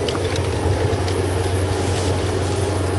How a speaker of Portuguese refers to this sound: Ah, deve ser o carro do homem dos números.